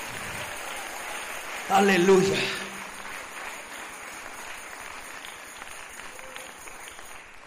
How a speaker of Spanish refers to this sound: Démosle un aplauso fuerte al Rey.